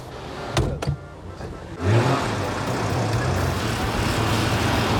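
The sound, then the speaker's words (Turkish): A couple of sharp clicks, then the engine of a vintage Polish Syrena car kicks in with a low rumble and keeps running steadily as it pulls away and drives, on a ride with the Polish Ambassador. “Polonya Büyükelçisi ile sürüşe çıkabiliriz.”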